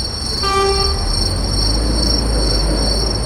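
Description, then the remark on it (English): At a busy railway station, a train horn blares briefly near the start, its stacked harmonic tones fading as a heavy, steady rumble of rolling railcars continues underneath, with a high metallic whine persisting throughout. “The route led from the gallery through the busy railway station, where the artificial swarm contrasted sharply with the sounds of trains, commuters, and city life.”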